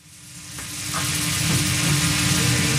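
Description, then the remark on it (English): Steak sizzling on a hot grill at Nihonbashi Philly, a cheesesteak shop in central Tokyo's Nihonbashi neighborhood, a dense crackling hiss that swells within the first second and then holds steady, with no voices. “Steak sizzles the same in South Philadelphia as it does in central Tokyo.”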